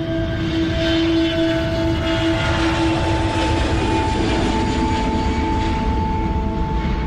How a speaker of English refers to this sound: The plane lands, and being sort of dumped off this little passenger commuter plane onto the tarmac, I'm just deafened by the sound of all of these C-130 Hercules aircraft that are just, the engines are just droning.